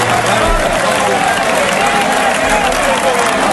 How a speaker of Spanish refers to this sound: El líder, el líder que fue este fin de semana a la Plaza de Toros de Albacete para ver a Morante la Puebla y acabó llevándose él también. ¿Habéis visto el vídeo? Sí. Una ovación, pero no una ovación pequeña, una ovación de toda la plaza.